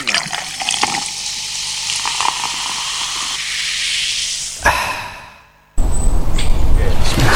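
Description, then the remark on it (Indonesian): Fried rice cooking in a pan with loud, steady steam hissing and sizzling, briefly fading almost to silence before a rougher sizzle resumes, with faint clatter and voices in the background. “Masak nasi goreng.”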